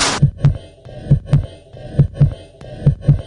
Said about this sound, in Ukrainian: чуємо поштовхи серця. Усе вдалося.